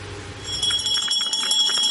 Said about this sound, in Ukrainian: Звуки останнього дзвінка сьогодні лунають без сигналу повітряної тривоги.